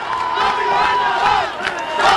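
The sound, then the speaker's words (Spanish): A crowd shouting together, chanting "Tommy gobernador", a dense sustained roar of many voices with rising and falling chant-like swells, loud and continuous throughout with no single voice standing out. “Están gritando.”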